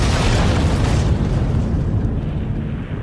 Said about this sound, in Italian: Una esplosione di ferro contorto, legno spezzato e fiamme.